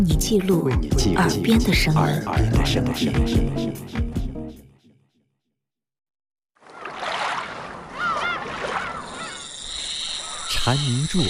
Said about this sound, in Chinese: 为你记录耳边的声音，蝉鸣入耳，夏意渐浓